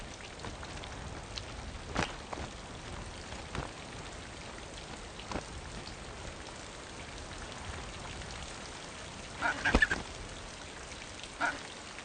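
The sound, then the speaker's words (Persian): Steady rain in cold, stormy weather patters on surfaces, a dense continuous hiss broken by occasional louder drips and splashes, with a few faint bird calls near the end. “چوچه هایی که هنوز پر ندارند و نمی توانند حرارت بدن خود را تنظیم کنند، این باران برایشان کشنده است.”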